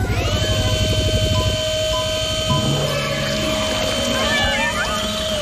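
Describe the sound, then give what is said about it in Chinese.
Several small kittens in danger, about to be rescued with a basket, mew in high, wavering, distressed cries, clustered toward the end, over a steady droning hum and a low rhythmic rumble early on. “坚持住，小猫咪们！”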